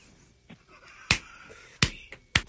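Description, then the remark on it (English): A handful of sharp, crisp claps ring out, about five in under three seconds, loud and slightly uneven in spacing, with no talking around them. “You're clapping every 8 seconds.”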